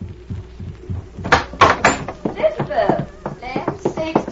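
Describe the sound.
A side door opens and shuts with a few sharp wooden clunks and rattles, followed by scuffling movement and muffled, indistinct voices.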